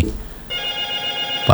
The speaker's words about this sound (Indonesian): Dari tadi telepon bunyi biasa ini, telepon biasa bunyi.